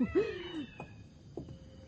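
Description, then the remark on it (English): A mother cat with her kittens in Morocco gives a drawn-out, wavering meow, followed by a few faint, brief chirps against a quiet background with a thin, steady high-pitched hum. “Oh, here comes their mother. She'll keep her kittens in line.”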